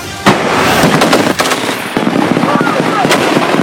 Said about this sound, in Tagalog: Sunod-sunod ang pinakawalang putok ng ground forces ng Philippine at Australian Army sa live fire exercise na ito sa Pasakaw, Camarines Sur.